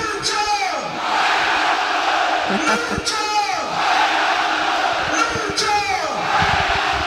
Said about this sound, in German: schon wieder wird gejubelt in Graz-Liebenau. Ja, und ich hoffe, man kann's hören im Hintergrund.